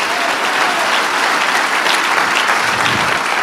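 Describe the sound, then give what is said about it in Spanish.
A church audience bursts into loud, sustained applause for Jesus Christ during a sermon, dense clapping from many hands steadily for a few seconds with no talking over it. “Fuerte el aplauso a Jesucristo.”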